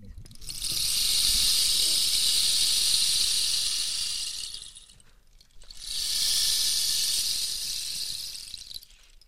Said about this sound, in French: Donc voilà, ça c'était le bâton de pluie.